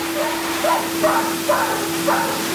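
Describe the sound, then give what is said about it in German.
A dog at a grooming salon gives a series of short, evenly spaced yips or whines, about four of them, over a steady, loud blowing drone of a dog dryer. “die große Hundebadewanne und eine Vorrichtung, wo die Hunde geföhnt werden. Da ist auch gerade der Pepino.”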